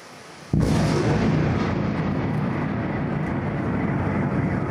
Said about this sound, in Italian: Venti missili Iskander in meno di 30 minuti. Poi una raffica di esplosioni e a Kiev è di nuovo terrore. L'allarme scatta intorno a 1 di notte quando l'aeronautica ucraina segnala il lancio dei missili sulla capitale